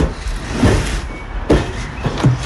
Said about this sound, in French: Le camion arrive à Mathieu, c'est le 33e kilomètre sur le marathon.